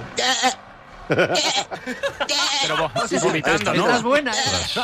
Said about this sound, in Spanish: Y creo que se me ha metido una cabra en el autobús.